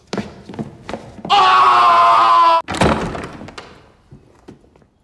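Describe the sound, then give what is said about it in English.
A rocking horse being rocked: soft wooden thunks, then a loud, drawn-out creaking groan, followed by a heavy thump and fading knocks, with no talking. “Oh, it's a rocking horse I had when I was a child.”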